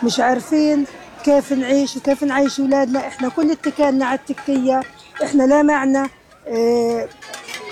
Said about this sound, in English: At the school that's now a shelter for displaced families, Palestinian children bang on empty pots and pans to draw attention to the looming fear that without these meals, they could face hunger again.